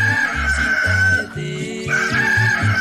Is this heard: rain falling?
no